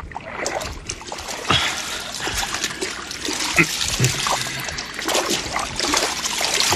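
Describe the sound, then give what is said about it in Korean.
Water splashes and sloshes continuously as a government minister wades into a river to bathe, with irregular bursts of splatter and trickling, moderately loud, no voices. “장관은 강물 속으로 들어갔어요.”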